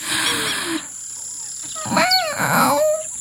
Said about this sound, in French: Dans le soleil qui se lève, il respire un bon coup et tente un rugissement.